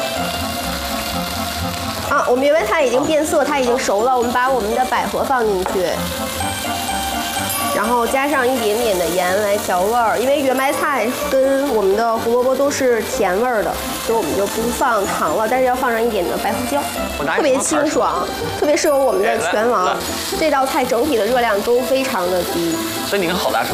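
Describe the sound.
Carrots and yuanmai cai greens stir-fry in a pan over medium heat, with a little water added to soften them, giving a steady hiss of sizzling and occasional stirring scrapes, continuous for the whole stretch, with a voice murmuring faintly underneath.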